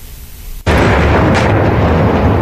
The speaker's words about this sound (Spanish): Explosiones en la noche de Kiev y habitantes de nuevo buscando refugio en las estaciones de metro. Rusia volvió a atacar a la capital ucraniana, el primer ataque tras tres días de tregua durante el fin de semana